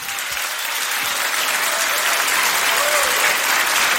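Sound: audience applause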